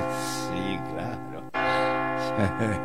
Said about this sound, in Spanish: Bueno, esta es la campana. No, la anterior. Esta es la campana que suena. Cosas de la catedral. Cuando llega el coche fúnebre a la puerta de la catedral.